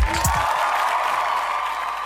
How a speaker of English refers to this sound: Clap for me. Everybody, clap for me. Thank you very much. No, I think I need another clap.